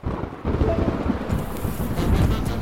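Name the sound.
thunderstorm with rain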